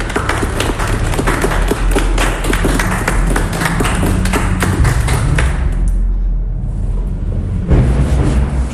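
A group claps together in a dense, steady patter of sharp hand claps that thins out after about six seconds, leaving a low rumble underneath.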